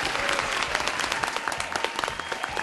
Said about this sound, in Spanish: Un aplauso, por favor.